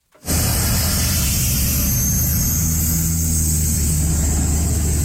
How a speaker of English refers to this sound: The sound of a water bomber there.